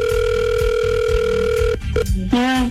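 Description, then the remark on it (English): A phone call to contest winner number 4 rings out with a steady, continuous electronic tone over a low rumble, then it cuts off with a few clicks and a short warbling, wavering tone. “Okay, let's call winner number 4 okay. for Jamaica.”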